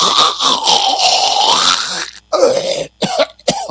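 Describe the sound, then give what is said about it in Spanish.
A person imitates snoring: a long, rattling, throaty drone lasting about two seconds, followed by several shorter, choppy snorts and grunts separated by brief pauses. “Entonces ya tienen ahí todos mis sonidos de mis roncadas simuladas, que probablemente mi mujer escuche las mismas en la noche.”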